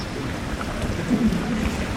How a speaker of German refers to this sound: Noch hört man nur das Plätschern der Brunnen auf dem Pirnaer Marktplatz.